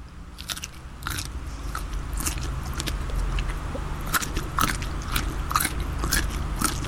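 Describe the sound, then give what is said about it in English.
Wet crunching of someone chewing crisp food with an open mouth, repeated bites in an irregular rhythm over a low background hum, with no talking. “But you're right on the crunch, mate. Crunch is an important part of this.”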